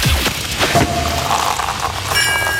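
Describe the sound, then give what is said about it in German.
A champagne cork pops with a sharp thump, then steady fizzing and hissing follows for a couple of seconds, fairly loud, with a faint clink near the end. “weil wenn ihr bei uns die Sektkorken knallen hört, das Ganze klingt dann so.”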